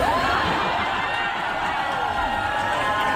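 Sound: concert audience cheering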